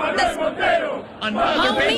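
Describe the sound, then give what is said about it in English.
A large crowd cheers and chants, many voices blending into a loud, continuous roar that rises and falls in rhythmic swells, briefly dipping before surging again. “And then they found the guy. And they're cheering.”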